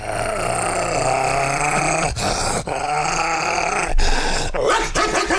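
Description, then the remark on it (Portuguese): A man's voice imitates a dog, delivering continuous rough growls broken by a few sharp bark-like bursts, loud, with no ordinary speech. “Os cachorros começaram a latir lá pra mim e eu comecei aqui, ó.”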